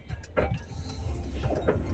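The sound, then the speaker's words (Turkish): An old car, a radio listener's own vehicle heard in a voice message sent from the car, rattles and shakes as if falling apart, a steady low mechanical rumble broken by a few sharp, irregular clattering bursts over two seconds. “Araba, yalnız burada araba hala dökülmek üzere, duydunuz mu?”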